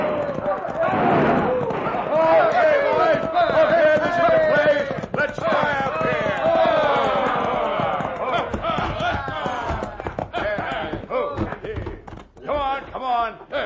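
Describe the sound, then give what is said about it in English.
A crowd of men on horseback gallops into the town of Dos Rias with rapid hoofbeats while they whoop and holler loudly, and sharp gunshots from their guns crack out repeatedly near the end, all chaotic. “It all started when a crowd of hoodlums rode into Dos Rias, airing their lungs and triggering their guns.”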